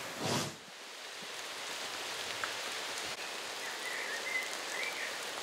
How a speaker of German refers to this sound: Fädenberg, wieder mal Regen, die Linde hält. Unter Bäumen regnet es entweder keinmal oder zweimal. Bisher keinmal.